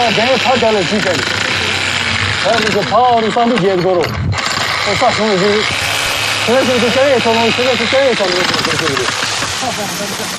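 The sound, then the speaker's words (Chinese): A steady, grinding mechanical roar of an electric drill biting into weathered rock to dig tree pits, at least 80 cm deep and about 70 cm wide, for afforestation on the north and south mountains of Lhasa, runs continuously beneath a voice talking over it from start to finish. “风化岩虽然质地松散，但还是需要用电钻来挖凿树坑。”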